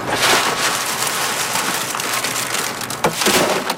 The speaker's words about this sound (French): Pour aller chercher le haricot à l'intérieur, je les écrase avec les mains. Puis après, avec le vent, j'envoie ça ici, on appelle ça vanner. Je sais que là, avec le vent, la cosse, ça s'en va, le grain tombe.